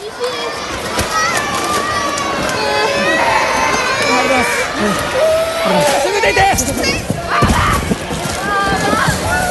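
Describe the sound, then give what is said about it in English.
Frightened residents shout and scream over a loud, continuous rumble of shaking, with rattling and sloshing underneath, as a powerful 6.8 magnitude earthquake hits the island of Kyushu; steady chaotic commotion for the whole stretch. “This is the moment when the powerful earthquake hit.”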